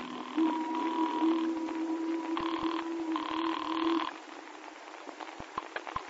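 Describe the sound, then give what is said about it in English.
A buzzy telephone ring trills steadily for a few seconds in warbling bursts, then stops, leaving a few faint clicks and knocks. “And so when we docked again to take another machine gun aboard, I made a phone call.”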